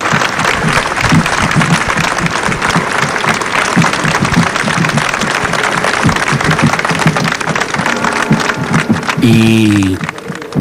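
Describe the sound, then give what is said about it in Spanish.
Loud, sustained applause from a large crowd in the Plaza del Cardenal Belluga as the family of José Ballesta passes in a cortege, dense clapping that fills the whole clip with a steady roar, with a brief tonal swell of voices or music near the end. “también a escuchar quizá uno de los momentos también más llamativos de este cortejo, breve pero muy intenso, cuando toda la plaza del Cardenal Belluga ha irrumpido ante el paso de la familia de José Ballesta en un sonoro aplauso.”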